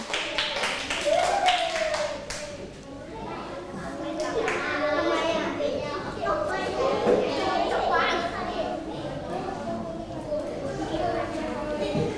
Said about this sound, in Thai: และกลุ่มสุดท้ายของเราในวันนี้ขอเสียงปรบมือให้กลุ่มที่5ด้วยค่ะ